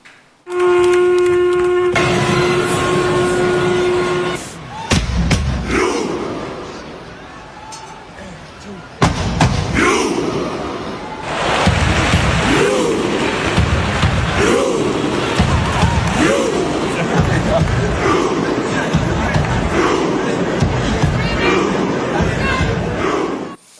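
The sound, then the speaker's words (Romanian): A long, low horn blast gives way to thousands of football fans' synchronized Viking war chant at the stadium in Oslo, at a World Cup match against Sweden: loud, evenly spaced collective shouts, each punctuated by a heavy thump, repeating in a steady rhythm. “Fanii au dat dovadă de o sincronizare perfectă și au zguduit stadionul din Oslo cu strigătul lor în ultimul meci cu Suedia.”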